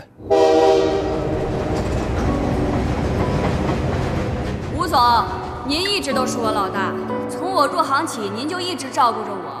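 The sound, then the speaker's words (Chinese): A loud, sustained train horn blares over the steady rumble of a moving train heading north in 1996 as heavy snow begins to fall. After a few seconds the horn fades and voices talk over the continuing rolling clatter of the rails. “我们是1996年去的北边，哎，一上火车就开始下大雪，那真是叫鹅毛大雪呀！”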